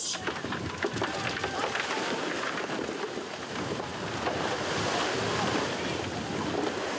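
Steady rushing sea waves and surf fill the scene, loud, with wind buffeting the microphone and a faint boat-like drone underneath, as the swimmers of a Greek long-distance open-water championship leave the harbour for the open sea; no clear talking.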